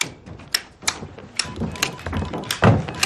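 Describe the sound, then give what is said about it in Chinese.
Abacus beads click and clack in quick, irregular bursts as someone calculates on an abacus, heard through a door: sharp wooden taps, fairly loud, with no talking over them. “哈哈，隔着门就听见你算盘珠子的声音了，比过年的鞭炮还响呢。”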